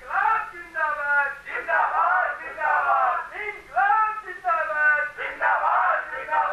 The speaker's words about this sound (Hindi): बहुत बड़ी भीड़ है, मेरे घर और गोदाम की ओर बढ़ती आ रही है भीड़। हाँ हाँ, मैंने कहा आपसे भीड़ बहुत उग्र मालूम होती है।